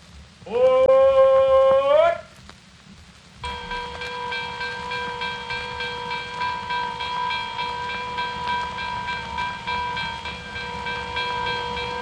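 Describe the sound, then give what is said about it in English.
A train rumbles steadily along the rails. A loud horn-like blast rises in pitch near the start, then a long, steady harmonic drone holds over the low rolling noise. “Your train is entering a tunnel of love.”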